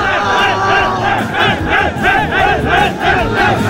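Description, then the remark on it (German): A large crowd of FC Vaduz football fans cheers and chants loudly, celebrating promotion back to the Super League after five years in the Challenge League, shown live on television; many voices shout together in rising and falling waves, with no single speaker standing out. “Nach 5 Jahren in der Challenge League sind die Liechtensteiner wieder zurück in der Super League und haben sich gestern oben ziemlich gefreut, live im Fernsehen.”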